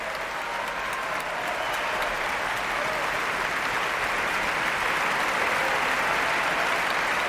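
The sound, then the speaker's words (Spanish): Sustained, dense applause from a large audience for the Orquesta Nacional de España, a steady roar of many hands clapping at even loudness throughout, with no voices standing out. “Son ahora las trompas las que se ponen en pie para recibir esta ovación.”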